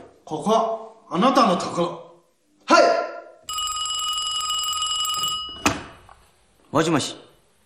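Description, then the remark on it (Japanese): A telephone bell rings loudly in one sustained, buzzing trill lasting about two seconds, a call from the opening command office, with short bursts of speech before and after it. “所长，開会指令係から電話です。”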